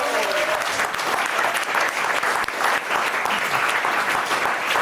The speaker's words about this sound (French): On peut l'applaudir. Dire, si bravo.